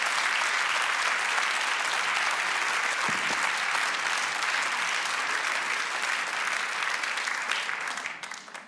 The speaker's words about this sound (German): Vielen Applaus